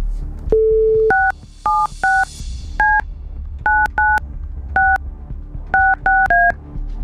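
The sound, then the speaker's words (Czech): A short steady tone, then about ten quick touch-tone beeps as a listener's phone number is keyed in, the presses coming in small uneven clusters, clear over a faint low rumble. “Vytočil jsem telefonní číslo někoho z vás, kdo jste nám poslali SMSku s informací, co chcete proplatit.”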